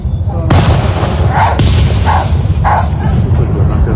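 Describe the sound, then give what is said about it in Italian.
A dog in a small field barks several times beneath loud, booming fireworks bursts, the explosions rumbling continuously underneath with sharp cracks every second or so. “sotto i fuochi che si vedeva, la trava questo cane”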